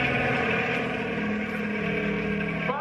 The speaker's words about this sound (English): Hey, here comes the helicopter again. There's the spotlight.